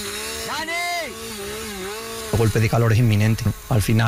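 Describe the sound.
A chainsaw engine whines and revs up and down in pitch as firefighters in heavy protective gear cut while fighting a fire in intense heat, then people start talking loudly over the continuing motor noise.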